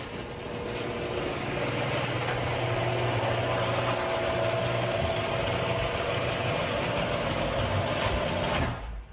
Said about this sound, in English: I'm going to play some audio of what my garage door sounded like before I got my premium nylon rollers.